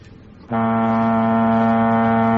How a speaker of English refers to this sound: Sounds like we're on a boat.